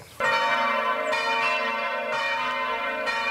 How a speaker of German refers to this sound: Im Plenum, also alle zusammen, klingen die Glocken von Bruchweiler besonders opulent. Die Glocken, die haben ja auch einen Schall, der durch Luft übertragen wird. Und dann schwingt das mit, du bebst mit, die Brust bebt.